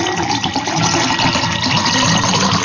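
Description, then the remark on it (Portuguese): Water pours steadily into a glass for a few seconds, a continuous splashing rush with no talking over it. “E eu vou preparar meu copo com água aqui também, ó. Beleza. Enche o copo.”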